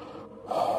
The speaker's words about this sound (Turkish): dur bir nefes alayım.